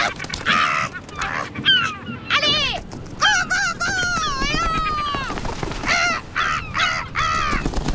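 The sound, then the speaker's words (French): Loud, harsh cries of a gull in flight, its wingspan well over a meter, ring out in a rapid, repeated series, some calls stretching into long wailing notes, the bird calling almost continuously. “Ses cris sont vraiment, vraiment très sonores.”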